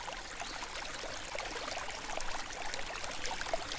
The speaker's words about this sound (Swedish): Men det som är fint med älven också, man sitter här, man får ju väldigt, det är väldigt rofyllt. Och sen ser man hur vattnet bildar väldigt fina mönster, för det blänker väldigt vackert.